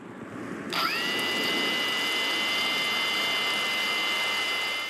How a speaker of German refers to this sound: Der Soldat schaltet die Drohne ein und los geht's. Es ist eine gute Arbeitsdrohne. Genau das, was wir momentan an der Front brauchen, weil dies eine völlig neue Art von Krieg ist. Drohnen sind die Zukunft.